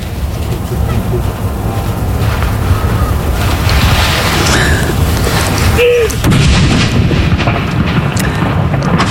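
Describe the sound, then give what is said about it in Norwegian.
Heavy cannon salute blasts boom outdoors at Akershus Fortress, with a sharp report about two-thirds through over a constant roar of rumble and wind, and faint voices of a crowd of people filming in the background. “Ja, det smeller bra her på Akershus festning nå, og det står en haug med folk her og filmer.”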